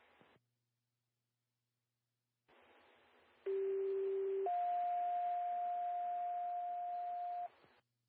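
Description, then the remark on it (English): Two steady pager alert tones over radio static during a Bedford County siren and pager test: a lower tone held for about a second, then a higher tone sustained for about three seconds, loud and clean. No one speaks. “This has been a test of your sirens and pagers.”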